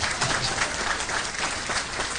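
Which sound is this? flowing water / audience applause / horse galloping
audience applause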